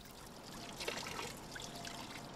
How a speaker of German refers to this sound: Abkühlung am Brunnen. Der Wasserturm in Mannheim, eine Oase in der Betonwüste der Quadrate.